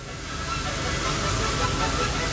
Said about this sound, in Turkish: O yüzden canlanmak için bir çeşit lateks çamaşırhanesine girmeleri gerek. Bu devasa kurutucular her seferinde 5000 balonla dolduruluyor.